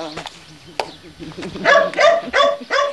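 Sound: dog barking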